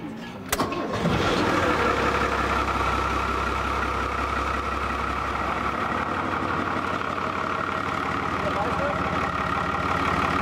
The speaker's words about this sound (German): Ja, das Wasser kommt, Motor läuft. Wäre auch verrückt, wenn nicht.